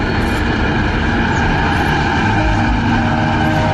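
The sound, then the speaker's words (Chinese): A train on the Qinghai-Tibet Railway rushes past on the grassland at Damxung, Tibet, a loud, steady roar of wheels and rumbling carriages that holds at full strength without fading, with no voices. “20年后，还是那片草原，还是那对母女，火车开过已经是每天都有的事儿。”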